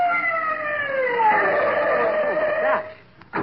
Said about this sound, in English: My gosh, what is it? It's an ambulance. Stopping here.